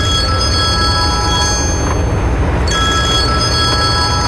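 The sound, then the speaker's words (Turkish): A telephone rings in a car with steady, high electronic tones that pause briefly midway, heard over a loud, constant background rumble; no one speaks. “Telefonun çalıyor Seyhan.”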